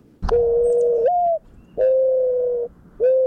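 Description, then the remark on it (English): A male mourning dove's soft, hollow mating coo to the female: three sustained, low mellow coos in steady succession, the first slightly rising at its end, clear with no talking. “That's the mating call that the male dove makes to the female.”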